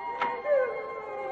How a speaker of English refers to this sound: I was sure now. I hadn't dreamed of appalling crying.